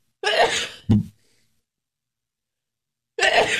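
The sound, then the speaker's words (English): A loud sneeze with a breathy build-up and a sharp burst, followed by a few seconds of silence before a second sneeze begins. “Bless you. Thank you.”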